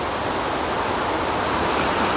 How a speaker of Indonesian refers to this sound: Hari ini kami mendengar debur ombak pantai berpayung langit biru.